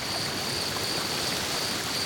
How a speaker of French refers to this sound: J'entends un cours d'eau et du vent dans les arbres.